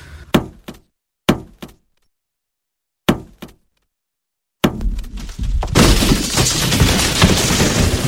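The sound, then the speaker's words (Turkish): Three pairs of heavy thuds strike a prison cell wall at uneven intervals, then a final blow breaks through into a long, loud rush of crumbling, clattering debris that continues to the end. No voices. “Aha işte duvar delindi.”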